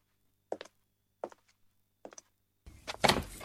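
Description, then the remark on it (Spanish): Three firm knocks on a door, evenly spaced, followed by a burst of rustling, shuffling noise as if the door is being opened. “La inspiración llama a mi puerta.”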